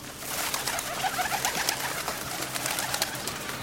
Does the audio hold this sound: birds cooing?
yes